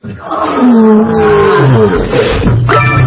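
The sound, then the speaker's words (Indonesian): A lion at a zoo roars loudly, a deep, rumbling, sustained bellow lasting about three seconds with gravelly harmonics that rise and fall. “Singa.”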